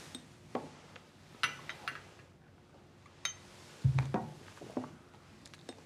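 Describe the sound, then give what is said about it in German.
Scattered light clinks and taps of glass, with a short low gurgling burst midway as homemade egg liqueur is poured into a small glass, followed by a few more bright clinks; no one speaks. “Darf ich Ihnen ein Gläschen von meinem selbstgemachten Eierlikör einschenken?”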